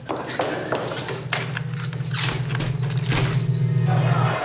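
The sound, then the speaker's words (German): Keys jangle and clink repeatedly as a door is locked in a prison, over a steady low hum, bright metallic rattles bursting in irregular clusters, fairly loud throughout. “Nehmt den Schlüssel. Tür abschließen.”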